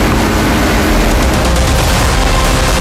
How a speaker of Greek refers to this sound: Καζάκια, εκρήξεις, φωτιά.